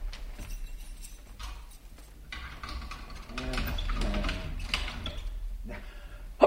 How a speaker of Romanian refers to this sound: Da, stai, o secundă, Bentic, să închid ușa cu cheia.